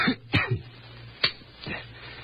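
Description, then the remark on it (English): A man coughs and clears his throat in a few short, harsh bursts spaced over a couple of seconds, with a faint low hum underneath. “with that cough of yours, perhaps I'd better broadcast tonight.”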